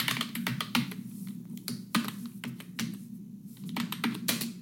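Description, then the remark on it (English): Rapid, uneven clicking of fingers typing on a computer keyboard, fairly quiet, with a steady low hum underneath and no voices. “It's a keyboard, typing keyboard.”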